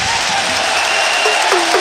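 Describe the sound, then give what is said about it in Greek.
A large arena crowd at a basketball game between Panathinaikos and Valencia applauds steadily as a player goes to the bench, a dense, loud wash of clapping that holds for the whole moment, with a voice briefly rising over it near the end. “Ελαρέα πάρει τον πάγκο και χειροκροτείται.”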